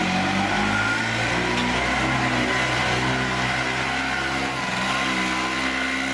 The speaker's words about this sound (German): Ist aber keine Vespa, wie man vielleicht vermutet, sondern eine Ape. Dieses kleine motorisierte Dreirad